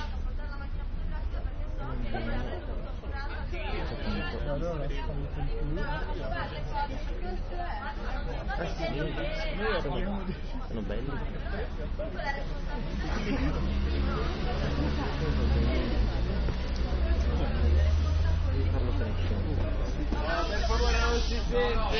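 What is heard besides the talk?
crowd chatter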